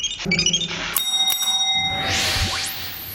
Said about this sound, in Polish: Ten dzwonek na samym końcu był nieprzypadkowy, proszę pomyśleć.